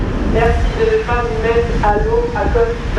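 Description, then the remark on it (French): Loud crashing sea waves at Oulgade, France, in gusty, stormy weather, make a steady, heavy roar throughout, with people's voices talking over the din. “On ne s'entend pas parler, les vagues font un bruit assourdissant.”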